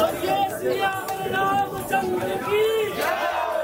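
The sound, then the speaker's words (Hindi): A dense morning crowd of devotees at the Lete Hanuman temple on the Sangam bank chattering nonstop, many overlapping voices with occasional raised calls rising above the babble, loud throughout. “सुबह से ही भक्तों की जो भीड़ है वो लगी हुई है और यहाँ पर बजरंगबली लेटी हुई अवस्था में भक्तों को दर्शन देते हैं और जो भक्त हैं सुबह से ही यहाँ दर्शन के लिए आए हुए हैं”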